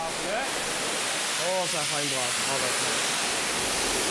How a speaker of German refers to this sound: jetzt kommt hier die große Wasserdusche. Das haben die beiden schon 1000 Mal zusammen gemacht. Heute ist es die letzte Dusche.